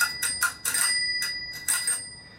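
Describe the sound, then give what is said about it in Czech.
A bicycle bell on a fairly old bicycle, just lubricated with silicone oil during repairs at a bike workshop in Brno, rings in a quick series of bright, metallic dings, about six strikes in two bursts, clear with a slightly dull, imperfect tone. “Není to 100%, ale zvoní.”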